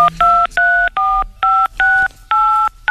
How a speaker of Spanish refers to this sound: Márqueme ahora, por favor, si no le importa, para ver cómo le va de teclado. Márqueme en teclado 1, 2, 3, 4, 5, 6, 7, 8, todo, pero rapidito.